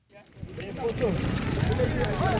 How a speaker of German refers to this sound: Vor dem Eingang dieses Krankenhauses in der kongolesischen Provinz Ituri brennt ein Feuer. Wütende Menschen haben Kartons, Holz und Autoreifen in Brand gesetzt.